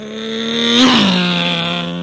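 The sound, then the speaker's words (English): A high-revving souped-up sports car races past around town, its engine whine swelling to a peak and then dropping sharply in pitch as it speeds away. “The rabbit liked to race around town in his souped-up sports car. Here he comes.”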